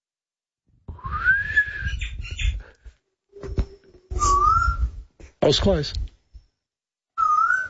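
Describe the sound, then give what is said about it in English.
An eastern koel's rising, whistled call repeats three times, each note sweeping upward and fairly loud, with a brief spoken voice between the second and third calls. “What are we listening to at the minute? This is the eastern coal.”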